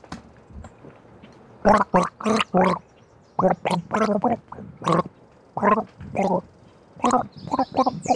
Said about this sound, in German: Ach so, das hat geheißen, ich gurgel jetzt. Ja! Komische Deutung. Ich hab das Glas gedeutet.